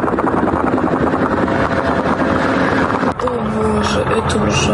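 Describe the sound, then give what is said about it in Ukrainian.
A loud, steady engine drone of an attack drone buzzes for the whole stretch during a drone attack on the Moscow oil refinery in Kapotnya, Russia, with a brief dip in the noise near the end before the whine resumes. “Це атака на московський нафтопереробний завод у Капотні, один із найбільших у РФ.”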